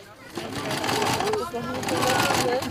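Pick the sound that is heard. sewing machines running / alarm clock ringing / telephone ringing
sewing machines running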